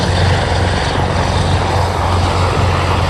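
A Dash firefighting propeller airplane, dropping fire retardant on a wildfire at Montcuzel, drones loudly and steadily overhead, its engine roar filling the sound with a constant low hum and broad rushing noise, with no voices.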